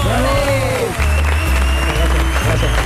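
Loud, steady audience applause for a performer, requested by the host, fills the whole clip, a dense crackle of many hands clapping, with a low musical hum running underneath.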